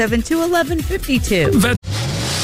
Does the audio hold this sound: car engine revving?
yes